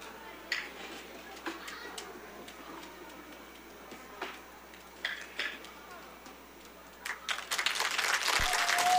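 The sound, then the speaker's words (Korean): An audience applauds after a performance by the Sokcho Arirang Preservation Society, starting with scattered claps and swelling into dense, loud clapping toward the end. “큰 박수 다시 한번 부탁드리겠습니다.”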